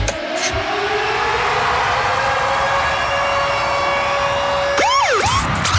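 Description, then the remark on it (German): A radio "concert alarm" siren for Virgin Radio's concert summer ticket giveaway: one long, steady tone over a dense rumbling background, then quick rising and falling wails at the end. No one speaks. “Eben, wenn ihr den Konzert zum Alarm ist so ein Scheisswort, sorry, Alarm gehört, dann läutet ihr an”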